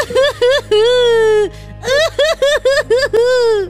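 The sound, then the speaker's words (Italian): A woman cries loud, high-pitched drawn-out wails broken by short sobbing bursts, with a brief pause before the sobbing resumes in quick gulps and another long wail. “Perché piangi?”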